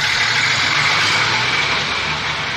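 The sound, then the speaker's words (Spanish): A large bus engine idles with a steady low rumble and a constant broad hiss, fairly loud, holding an even level for the whole stretch with no voices; a bus stopped at a village station. “Cuando el autobús se detuvo en la estación y Julio descendió con los ojos y el corazón atravesados de emoción y de llanto, encontró que toda la familia estaba allí, sonrientes, felices, llenándole de abrazos.”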